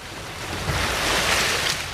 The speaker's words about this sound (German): Sanft wogt das Wasser am Hafen von Sansibar. Bis auf das Meeresrauschen ist nichts zu hören.